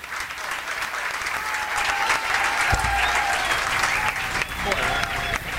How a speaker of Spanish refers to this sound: Todos los concejales se pararon a aplaudir. Algo no tan común. No. Algo no tan común, pero bueno, es lo que está ocurriendo en el recinto del HCE.